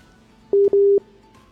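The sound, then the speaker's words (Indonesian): Two short, steady electronic telephone tones at a single mid pitch, one brief and one longer, separated by a tiny gap, signalling an incoming listener call to a radio program, heard clearly over a quiet background with no talking. “Tampaknya sudah ada mau masuk panggilan telepon lagi.”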